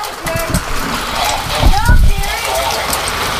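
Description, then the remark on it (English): Pea-sized to dime-sized hail pelts down during a severe thunderstorm warning in Marion County, Ohio, in a steady, dense patter, a constant crackling rush of tiny impacts, with a voice briefly audible beneath the clatter. “That's hail. That's pea-sized hail.”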